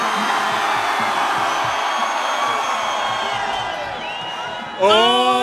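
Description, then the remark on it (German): A huge festival crowd at the Donauinsel cheers and screams in one dense, sustained roar that holds steady for about five seconds, then a loud single voice shouts over it at the end. “Donauinsel, wir brauchen 120% Stimmung!”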